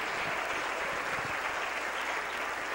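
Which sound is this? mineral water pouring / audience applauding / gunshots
audience applauding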